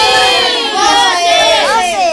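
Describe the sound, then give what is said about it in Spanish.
A loud group of schoolchildren from Colegio Mariano Vergara Divieso shouts together in unison, many high voices blending into one sustained, chant-like yell naming their school and saying they listen to Radio Yaraví. “Digan fuerte y claro de qué colegio son.”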